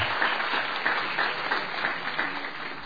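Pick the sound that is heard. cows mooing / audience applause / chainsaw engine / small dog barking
audience applause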